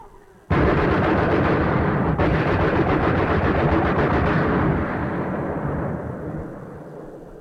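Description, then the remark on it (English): A machine gun opens up abruptly and fires in a long, dense, rapid stream of loud shots for several seconds, then the roar gradually fades out with echo. “Somebody on the right opens up with a machine gun.”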